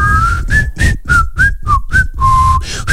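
A person whistles a short tune of about eight quick pitched notes, rising and falling, close and fairly loud with breathy air between notes and no talking.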